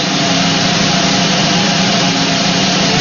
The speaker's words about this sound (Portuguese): que rufem os tambores.